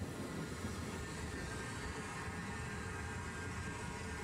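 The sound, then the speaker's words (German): A train of the seaside railway between Bad Doberan and Heiligendamm, Germany, rumbles along steadily, its low, continuous clatter and roar holding an even loudness throughout, with no voices present. “1886 erteilte er daher den Auftrag zum Bau der ersten deutschen Bäderbahn, die in nur 6 Wochen fertig war.”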